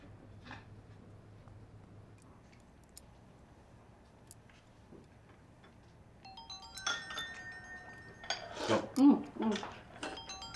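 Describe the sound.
A phone starts ringing partway through with a steady electronic melody at moderate volume, and muffled voices and rustling sounds crowd in near the end.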